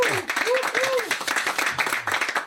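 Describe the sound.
Dense, steady applause from a studio audience fills the whole clip, a broad wash of many hands clapping at once, with a few brief cheering voices rising over it.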